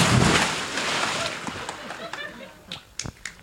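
A person jumps into 23-degree lake water with a loud, rushing splash that dies away into sloshing, then a few sharp smaller splashes and drips.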